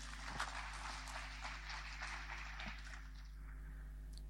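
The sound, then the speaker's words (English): An audience claps for God together in a dense, steady wash of applause that holds for a few seconds, then thins out and fades near the end, with no voices over it. “Clap for him.”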